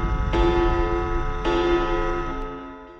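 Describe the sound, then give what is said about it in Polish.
A clock strikes in a Radio Afera promo for a Saturday-night show: three metallic chimes about a second apart, each ringing on and overlapping the next, loud, with a low hum underneath and no voices. “W sobotnią noc, gdy zegar wybije północ.”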